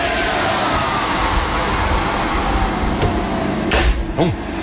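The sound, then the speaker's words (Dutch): A steady, loud roar of an industrial oven warming up to bake sausage rolls, a broad whooshing hum with a low rumble underneath, broken near the end by a few short mechanical clicks and a brief higher whine. “Het opwarmen van de oven voor de worstenbroodjes.”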